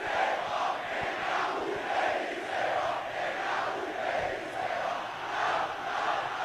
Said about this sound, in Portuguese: Olha a festa. A festa da torcida do Náutico continua.